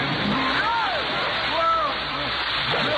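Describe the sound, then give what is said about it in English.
Steady rushing and sloshing of water as people step into deep water up to their necks, with muffled vocal sounds rising and falling underneath the churning noise. “wherever you are, you realize we're in water up to our neck?”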